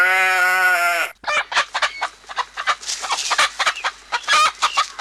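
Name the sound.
chickens clucking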